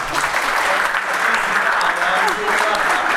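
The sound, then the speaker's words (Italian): Steady, dense applause from an audience for a group of dancers, a continuous crackle of many hands clapping at a constant loudness throughout, with faint voices mixed underneath. “Beh, un applauso!”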